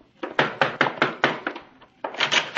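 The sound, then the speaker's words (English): Comrade Martin knocks firmly on a door: a quick run of about eight sharp raps, a brief pause, then another burst of several knocks, with no voices. “When Comrade Martin finally knocks at my door, I make no effort to hide my resentment.”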